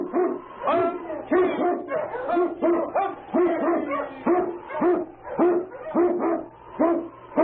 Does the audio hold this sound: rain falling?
no